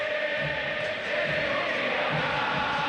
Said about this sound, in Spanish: Ensordecedor el griterío.